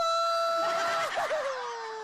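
A single long, loud sheep bleat with a wavering quiver in the middle before it trails off slightly lower. No one talks over it.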